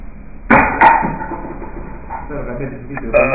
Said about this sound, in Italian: E questo ruttino per introdurvi la stramaledetta intervista che io adesso vi manderò.